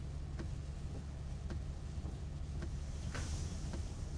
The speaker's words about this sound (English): Who can relax in this mess of traffic? There must be a wreck or something up ahead.